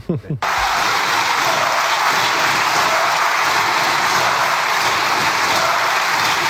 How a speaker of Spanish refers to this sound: ¿Cuál ha sido la reacción del PSOE y de Pedro Sánchez? Levantarse, aplaudir y reírse a carcajadas.